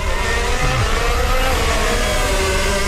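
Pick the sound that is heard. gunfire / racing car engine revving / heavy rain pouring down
racing car engine revving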